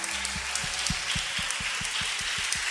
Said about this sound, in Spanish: A ver, los pentecostales que aplaudan y glorifican a Dios.